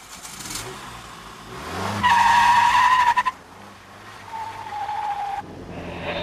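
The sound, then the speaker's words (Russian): A car's engine revs up and its tires screech sharply for about a second before it pulls away, followed by a fainter second squeal as the car drives off. “теперь ты поведешь машину.”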